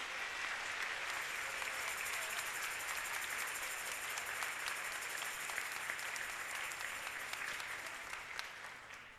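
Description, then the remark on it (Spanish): Sustained applause from a crowd at the Sagrada Familia parish, a dense steady patter of many hands clapping that holds strong for about nine seconds before easing slightly at the end, with no voices heard. “Fuerte el aplauso.”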